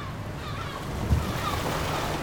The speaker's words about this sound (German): Wir haben es geschafft. Das Boot bewegt sich. Die Insel liegt hinter uns.